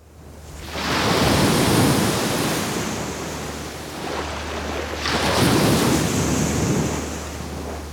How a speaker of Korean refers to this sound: 와 시원합니다. 아 발 담그고 싶다. 시원한 파도 소리예요. 그쵸?